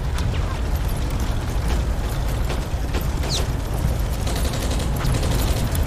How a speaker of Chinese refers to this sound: 这枪声怎么回事？ 镇长，外面雾太大，看不清楚。